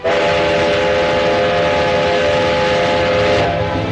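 A train carrying crates of oracle bones to Nanjing runs loudly and steadily along the tracks, its dense rumbling roar filling the whole stretch while a sustained whistle-like tone rides on top and shifts near the end.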